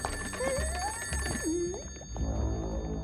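A telephone rings with warbling, rising electronic tones over a steady background hum, moderately loud, with no one speaking.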